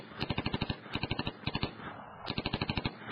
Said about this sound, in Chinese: 这时胖子也已经回过神来了，从背囊中取出另外一把芝加哥打字机，把我身边的虫人一个接一个的射进深潭。